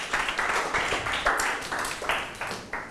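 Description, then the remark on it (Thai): A group of students in a classroom claps together for their classmates in group 2 after a math answer, a dense burst of applause that rises and falls in uneven waves for a few seconds, fairly steady in loudness, with no one speaking over it. “ปรบมือให้เพื่อนกลุ่ม2หน่อยครับ”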